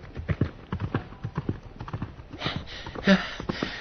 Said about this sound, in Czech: Ten ale v rychlosti na koně nasedl a kůň vyrazil branou tak, jak přijel.